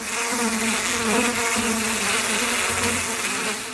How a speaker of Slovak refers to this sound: V triede opeľovačov to dnes len tak bzučalo.